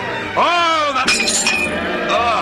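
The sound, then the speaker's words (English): A glass goblet shatters at a banquet in a short, bright burst of crashing and tinkling, right after a rising vocal exclamation, with faint voice sounds continuing afterward. “You broke your glass.”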